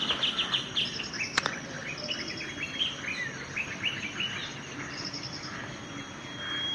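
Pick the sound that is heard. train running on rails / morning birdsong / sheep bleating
morning birdsong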